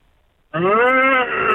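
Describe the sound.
After a brief silence, a person lets out a loud, drawn-out imitation of a cow's moo, a single sustained low vocal tone that holds steady for about a second.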